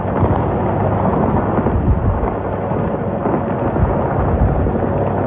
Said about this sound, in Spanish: Este es el sonido en el estrecho de Hormuz, el lugar por el que cruza una cuarta parte del petróleo mundial y en el que vuelven a sonar las bombas.